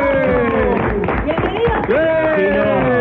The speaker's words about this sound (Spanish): El aplauso. ¡Bien!